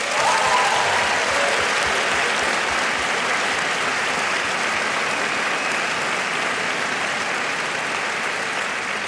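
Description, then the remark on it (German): A large concert audience at the Elbphilharmonie applauds steadily and loudly, a dense wash of many hands clapping that holds at full strength for several seconds in the reverberant hall. “Deshalb danke, dass so viele Menschen hier heute sitzen. Es ist krass. Ein Applaus an euch.”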